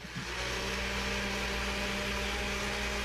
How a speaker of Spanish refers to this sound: Buena idea, bueno, entonces yo decía, bueno, sí está en la casa porque está prendiendo la licuadora.